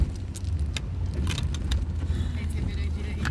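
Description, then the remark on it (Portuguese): Brief high-pitched squeaks and rattles pop out over a steady low engine rumble inside an old car as it is being driven, recurring irregularly throughout. “Então, olha esses agudinhos que ele faz.”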